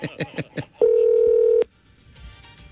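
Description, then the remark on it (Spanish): A quick run of short electronic keypad beeps, then one steady, mid-pitched ringback tone of a phone call ringing, held for under a second before the line falls quiet with no answer. “Llámala de una.”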